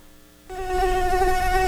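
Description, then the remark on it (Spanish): A cricket's chirping in a courtroom starts after a brief pause and then holds as a steady, loud, buzzing trill, continuous rather than broken into separate chirps, with no voices. “Por favor, cállen ese grillo.”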